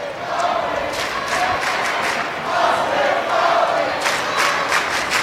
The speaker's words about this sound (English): Rebel fans haven't given up. They're cheering for Austin Fawley.